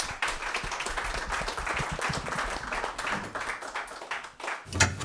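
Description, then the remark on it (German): An audience applauds steadily for several seconds as a speaker is called onto the stage at a text reading, a dense wash of many hands clapping at once, with a brief louder burst near the end. “Applaus für Simon.”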